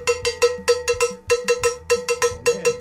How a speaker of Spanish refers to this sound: Empecemos que el cencerro no se cogía así.